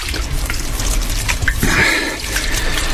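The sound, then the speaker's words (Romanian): Water pours in a steady splashing trickle, with a brief gurgle midway, fairly loud, as if being poured into a vessel and drunk. “Apa asta e dulce ca o sărbătoare.”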